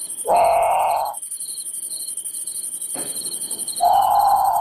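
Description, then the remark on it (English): A great potoo gives two loud, harsh, drawn-out bawling calls, separated by a pause, over a steady high drone of crickets and insects. “Okay, so that's the grand putu. It's haunting.”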